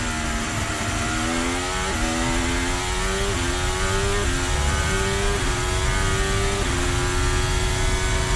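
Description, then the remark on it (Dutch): A Formula 1 car engine recorded onboard Charles Leclerc's car, a loud, high-pitched whine climbing steadily in pitch, then dropping sharply with each of several quick upshifts. Continuous, with no voices. “We zijn aan boord bij Charles Leclerc.”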